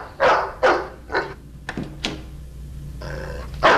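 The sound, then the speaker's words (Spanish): A dog barks three times in quick, loud bursts, followed by a few sharp knocks and a brief whiny, growling sound before one last bark. “¿Qué hay del perro? No morderá.”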